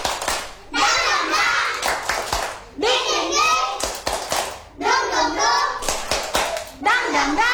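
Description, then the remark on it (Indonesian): Kindergarten children at TK Anugrah clap along in a steady rhythm while chanting the "tepuk semangat" clapping chant together in high voices, the claps sharp and loud between bursts of sung syllables. “Supaya kita bisa dengar suaranya, kita coba tes tepuk dulu ya,”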